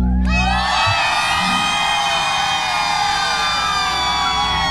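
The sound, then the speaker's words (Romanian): A huge crowd in Galați, Romania, erupts into sustained, loud screaming and cheering for a singer at a live Radio Zoo broadcast event, a dense wall of high-pitched voices that holds steady from start to finish without letting up. “Cât puteți voi de tare, vreau să știe toată România câtă lume e în Galați pentru autorul …!”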